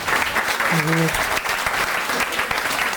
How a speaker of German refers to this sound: Wer von euch hatte heute einen schönen Tag? Klatscht mal bitte. Ja.